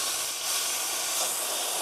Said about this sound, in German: Dampflanze wird vorbereitet, dass man damit auch Milch schäumen kann.